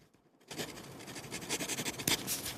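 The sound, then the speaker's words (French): A pen scratches steadily across paper as someone writes down a note, a soft rasping with short irregular strokes, starting after a brief near-silent pause and continuing alone without any voices. “Est-ce qu'on va entendre le bruit du stylo?”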